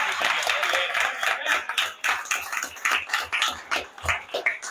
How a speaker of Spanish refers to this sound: Un aplauso para ella.